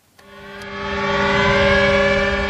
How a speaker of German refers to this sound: Mit Sirenen über der Westerplatte erinnert Polen jedes Jahr an den Überfall Deutschlands am 1. September 1939, an den Ausbruch des Zweiten Weltkriegs, so wie heute.